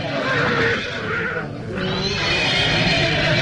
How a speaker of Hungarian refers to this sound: lova megbokrosodott, levetette gazdáját.